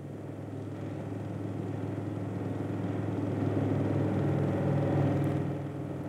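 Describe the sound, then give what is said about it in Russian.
A plane's engine roars as it sweeps low over village houses coming in to land, a steady, low droning hum that grows slightly louder as it passes, then eases off a little at the end. No voices are heard. “Слышится оглушительный рев авиационного мотора. Над самыми хатами проносится самолет на посадку.”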